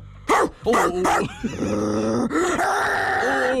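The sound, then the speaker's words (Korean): A person practising a dog impression imitates a dog with three quick, sharp barks, then draws the voice out into a long, wavering howl-like whine, loud. “아니지 지금 강아지 이 개의 목소리에 전혀 감정이 없잖아.”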